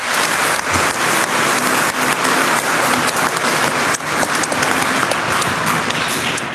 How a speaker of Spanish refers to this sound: Un aplauso a la Virgencita María.